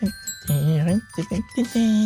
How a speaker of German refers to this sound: So, ein bisschen Glockenspiel noch.